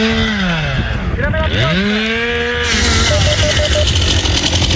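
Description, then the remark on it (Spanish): A chainsaw, used by Infoca crews working on the ground at an active wildfire, revs up and down with a buzzing, whining two-stroke pitch that dips and climbs, then settles into a rougher, noisier, loud drone. “El incendio está activo en situación de emergencia operativa 1 y 212 efectivos del Infoca trabajan sobre el terreno con maquinaria pesada y motosierras.”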